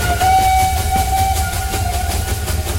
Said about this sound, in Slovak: Lokomotíva plnou parou vletela do stanice. Rozvíril sa sneh a oslepil im oči.